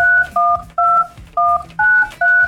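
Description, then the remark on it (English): Six quick telephone keypad tones beep in a steady rhythm as a Houston's Eagle radio show dials a caller, each a short two-note electronic chirp with brief gaps between, clear with no talking. “We're going to get Jesus on the phone.”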